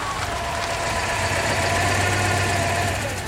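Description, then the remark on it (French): An old Citroën DS engine idles at Place d'Italie in Paris with a steady, low rumbling hum, holding an even, continuous throb throughout with no voices. “Oh, une DS, magnifique.”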